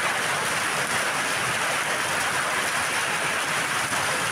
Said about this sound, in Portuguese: A tempestade ganhou força a partir das 10 horas da noite. Vídeos feitos por moradores registraram a intensidade da chuva.